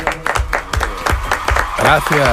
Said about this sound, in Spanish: Bueno, quien no ha querido perderse el estreno de esta nueva temporada de Radio Ficción es Sergio del Molino. Por favor, un fuerte aplauso para Sergio.